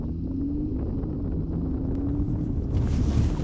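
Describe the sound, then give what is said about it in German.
A car rumbles steadily with a low engine drone as it drives through a water obstacle that leaves only one lane free in the middle, then a broad rush of splashing water and spray swells in toward the end, loud, with no talking. “Die Realität bedeutet, ich lasse jetzt ein Wasserhindernis auftauchen, das in der Mitte nur einen Fahrstreifen freilässt.”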